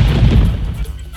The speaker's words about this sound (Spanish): Parece que era verdad que íbamos a tener tormenta eléctrica. Acá en Gualpense están escuchando los truenos, relámpagos y centellas.